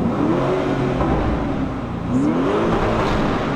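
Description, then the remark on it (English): The engine of a Lamborghini SUV revs up loudly in sustained rising and falling sweeps, a deep throaty growl that climbs in pitch, dips briefly, then surges again with no talking over it. “An SUV with this kind of sound. How beautiful this is.”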